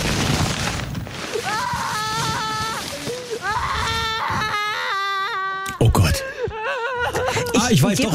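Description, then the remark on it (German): A voice imitates a toddler in a supermarket fruit section who wants a pumpkin, whining and crying: drawn-out, wavering wails that rise and fall in several bursts, loud, with brief breaths between them. “Das ist so ein Kleinkind in der Obstabteilung, das unbedingt einen Kürbis haben möchte.”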